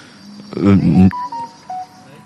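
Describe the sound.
A short burst of voice is followed by a few soft electronic beeps from a mobile phone, clean pure tones at slightly different pitches, like a notification chime, not loud.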